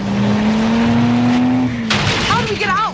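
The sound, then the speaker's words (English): A race car engine drones loudly and steadily, then breaks into a burst of noisy skidding with wavering, screeching tire squeals near the end as the driver steers hard through an icy turn, intense. “pumps the steering wheel hard to maneuver the icy turn.”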